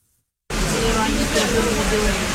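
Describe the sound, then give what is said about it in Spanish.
Steady rain hisses over an outdoor market in Bohodukiv, Kharkiv region, on a Sunday morning, after a moment of silence: a dense, even wash of noise with faint murmuring voices and the bustle of residents buying food, cuttings and seeds beneath it. “A pesar de la lluvia, los vecinos acuden a este mercado para comprar alimentos, esquejes y semillas de cara a la próxima temporada de siembra.”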